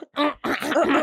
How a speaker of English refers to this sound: did all of you just hear me clear my throat just now in the microphone?